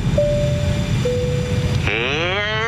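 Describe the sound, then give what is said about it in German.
A steady, muffled airplane engine drone fills the background, overlaid by two sustained electronic tones and then a wavering, rising-and-falling whine near the end. “An Bord meines Flugs ist ein Flugzeug oder ist ein Kopter.”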